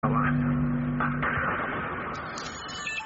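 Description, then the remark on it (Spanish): A car horn holds a steady low blare for about a second, then cuts off, leaving a constant wash of street traffic noise from the 9 de Julio, heard in a theatre hall during an event, with a few brief higher-pitched tones near the end. “Escuchaban bocinas de fondo.”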